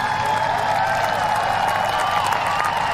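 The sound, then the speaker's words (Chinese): A steady wash of crowd noise, spectators cheering and applauding at a horse-jumping event, loud and continuous for the whole stretch with no clear individual voices standing out. “另外呢，这对组合能感觉出来，在观众的欢呼声当中，他们是很享受比赛的。”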